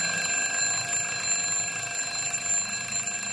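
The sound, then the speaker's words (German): An alarm clock rings continuously, a bright, steady electronic buzzing with a fast warbling pulse, loud, with no voices. “Immer wenn mein Wecker klingelt, mache ich den aus und schlafe weiter.”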